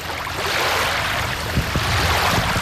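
Steady rushing of water at the shore of the Doktorsee lake in fine weather, where a paddleboard is slowly being inflated, with a few soft, low splashes and knocks near the end and no voices.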